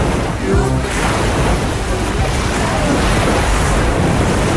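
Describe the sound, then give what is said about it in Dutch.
Ocean waves roar steadily and loudly throughout, a continuous wash of surf with a brief, faint voice-like sound near the start. “Luister goed, wie horen we in de golven vandaag?”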